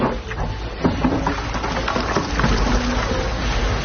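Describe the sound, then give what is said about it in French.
A small boat pushes steadily through water in the morning, its motor rumbling under a constant wash of splashing and crackling, with occasional bumps as it weaves between floating chunks of glacier ice. No one speaks. “C'est le petit slalom entre les glaçons du matin.”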